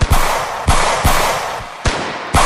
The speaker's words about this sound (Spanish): Tal y como explica el ex periodista de Sol de España, la policía quedó sin material antidisturbios. Y muchos de ellos echaron mano a sus pistolas para disparar al aire.